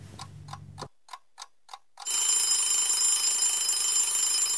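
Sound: alarm clock ringing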